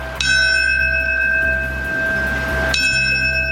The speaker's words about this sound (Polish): Minutę ciszy poprzedziło 7-krotne bicie dzwonu.